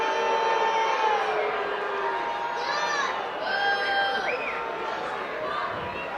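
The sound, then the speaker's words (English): A large baseball crowd boos loudly and steadily after Tevin Tucker is called safe at home on a head-first slide, a dense wash of overlapping voices with sustained drawn-out tones and scattered higher shouts rising above it for about six seconds. “And the crowd booing, but a correct call from Tim Barreras.”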